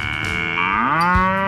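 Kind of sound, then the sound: animal, cow mooing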